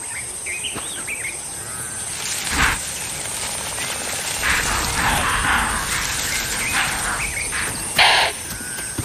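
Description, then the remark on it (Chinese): Impala alarm calls ring out as two sharp, harsh snorting bursts, one early and one near the end, over a steady wash of bird chirps and insect hiss. “可是高脚铃示警的叫声吵醒了他们。”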